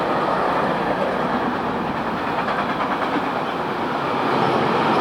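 A long train covered in graffiti tags rolls steadily past, a continuous loud rumble with rhythmic rattling of wheels over rail joints, sustained throughout without any voices.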